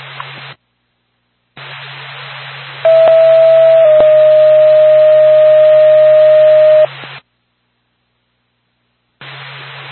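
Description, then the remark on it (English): Two steady radio dispatch alert tones for the Halifax and Lancaster ambulance over a hissy, band-limited channel: a short tone of about a second, then a longer one held for about three seconds, with bursts of static before and after. “Halifax, Lancaster, ambulance, stand by for a tone.”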